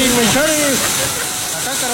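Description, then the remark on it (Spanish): Heavy rain pounds steadily on a man's car, a dense, unbroken hiss filling the whole clip, with the man's voice speaking briefly in Spanish over it at the start. “Que está lloviendo, está lloviendo en mi carro”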